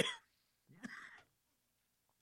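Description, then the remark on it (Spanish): A quick, breathy cough bursts out, then after a short pause a longer, rougher cough follows, both fairly soft, with silence around them. “Ay, pues viene de repente la tosecita.”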